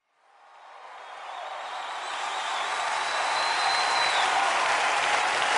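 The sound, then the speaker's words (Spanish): A crowd breaks into applause that swells quickly and stays loud and steady, a dense wash of many hands clapping with no voices standing out. “Fuerte ese aplauso.”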